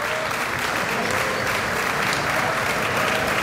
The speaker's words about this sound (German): Aber er strahlt über das ganze Gesicht. Ein glücklicher Gardi-Mitarbeiter. Die Gardi. Applaus für den Franzl.